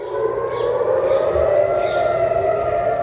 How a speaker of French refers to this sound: Bien loin d'ici, au même moment, dans plusieurs villes israéliennes, les sirènes retentissent.